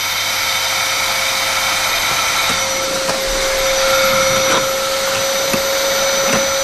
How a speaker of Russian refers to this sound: А, или вы не слышали, потому что я пылесосить начал. Точно, блин. Как не вовремя получилось, этот пылесос включился.